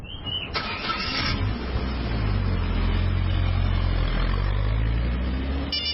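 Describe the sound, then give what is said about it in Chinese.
A car engine cranks and catches with a brief burst, then settles into a steady, loud rumble whose pitch slowly climbs as the driver sets off alone on the road, with no voices. “关上手机之后，他独自驱车上了路。”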